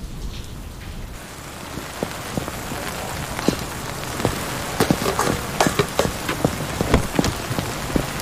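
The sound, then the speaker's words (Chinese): Steady rain falls, a dense hiss dotted with sharp, irregular drips and patters striking a hard surface, growing busier after the first second, with no voices. “这下着雨还专门送一趟饭呢，你说。”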